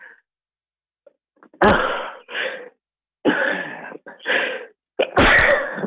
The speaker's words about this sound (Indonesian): Maaf ya, datang pula bersin.